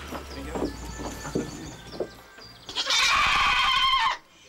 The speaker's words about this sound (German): Spiele spielen nach Tierpflegerregeln passt den Ziegen so gar nicht. Lauter Protest ist die Folge.